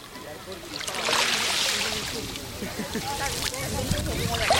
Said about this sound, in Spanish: Así suena hoy la playa de Salobreña. Bueno, lo poquito que suena, porque a diferencia de días anteriores, hoy el mar está aquí en silencio. Tan solo unas pequeñas olitas, a ver si podemos captarlas.